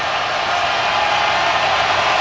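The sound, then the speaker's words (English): A loud, steady roar of a large football crowd at Acrisure, on third and 3 with the ball at the 41-yard line, a dense wash of cheering voices that holds at an even level throughout without any talking on top. “Oh, you can hear the crowd. They are loud at Acrisure.”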